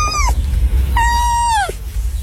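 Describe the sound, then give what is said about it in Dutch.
A tame fox being tickled makes two high, whiny calls: a brief one that trails off, then a longer drawn-out cry that dips in pitch at the end, over a steady low rumble. “Hoe klinkt een vos?”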